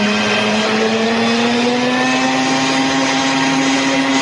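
A loud motorboat engine revs steadily on a boat out fishing on the water, its droning pitch climbing slightly as it pushes harder, with no voices over it.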